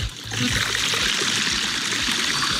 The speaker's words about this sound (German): Den hätte ich auch gern, diesen versteckten Wasserhahn. Ne? Und da kommt der Regen sofort rück. Jawohl, es gießt.